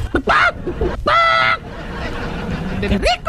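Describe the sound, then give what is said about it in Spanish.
A laying hen cackles in two loud, harsh squawking bursts with a short pause between, followed by a rising squawk near the end over a low murmur of background noise. “también la gallina ponedora.”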